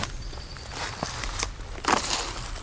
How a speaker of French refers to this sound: nous nous enfonçons dans la végétation. Tapis de feuilles mortes.